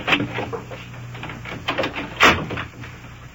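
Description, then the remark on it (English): A door is pushed shut with a solid thud, preceded by a few scuffing, rattling handling sounds, over a low steady background hum. “Shut the door there, come on.”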